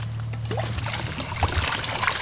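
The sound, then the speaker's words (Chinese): Water trickles steadily from a spout, a continuous splashing and gurgling that holds even throughout, with a faint low hum underneath; the water comes from a pipe sunk into a farm field and rises up by itself, without a motor. “你这水就从这边流下去啦。”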